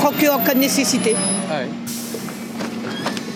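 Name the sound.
buses arriving and departing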